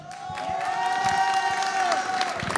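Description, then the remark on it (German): A crowd claps steadily for a couple of seconds at a fire brigade festival on Ratschener Weinstraße, the applause dense and sustained, with a sustained tonal cheer or whistle riding above it in an open, lively outdoor setting. “haben die jetzt für uns geklatscht oder für die als Bürgermeister?”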